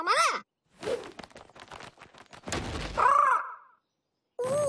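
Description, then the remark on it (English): A large bird caws loudly, three harsh calls with a longer drawn-out one in the middle, separated by rustling, breathy noises and brief silence. “Hi again, big birdie.”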